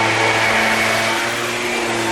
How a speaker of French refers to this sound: L'avantage du scooter, c'est qu'on l'entend toujours, qu'on le voit ou pas.